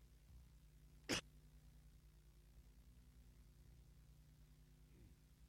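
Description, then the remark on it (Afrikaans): A single sharp cough from a coughing fit bursts out once, loud and brief, then fades into a quiet low hum with no talking. “Jammer oor daai ene, die hoes by oorval my maar so 'n bietjie tydig en ontydig.”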